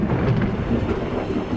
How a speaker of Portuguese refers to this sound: Você tem medo de trovão.